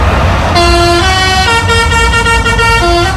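A loud lorry musical horn blares a bouncy children's song melody, stepping through short sustained notes, over a low engine rumble, with no talking.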